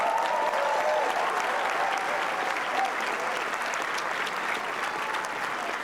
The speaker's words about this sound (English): You can tell from the crowd's appreciation how much they enjoyed that one.